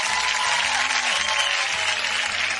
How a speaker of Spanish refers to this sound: Un aplauso para la gente de Tijuana, Baja California.